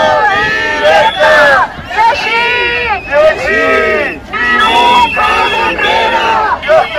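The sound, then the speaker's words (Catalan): A crowd of protesters shouts and chants together in loud, overlapping bursts, many voices rising and falling in rhythmic waves with brief dips between cries, at a protest with road blockades in Baix Llobregat and Penedès, Catalonia, following a teachers' strike. “Uns crits que no hauran arribat fins a les oïdes de Salvador Illa, de viatge oficial a Califòrnia.”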